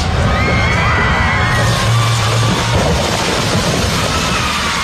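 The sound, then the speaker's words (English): Protesters scream and yell amid loud, continuous crashing and rumbling as workers rip a towering cottonwood tree, standing in the path of a new border wall, out of the ground, with a few shrill cries rising above the heavy din. “Protesters screamed as workers ripped the towering cottonwood out of the ground.”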